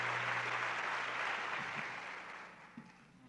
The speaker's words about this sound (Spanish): Muchas gracias por sus aplausos para ellos. Yo siempre he dicho que el aplauso es el alimento del artista.